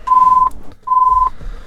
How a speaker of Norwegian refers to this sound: Og der ringer telefonen.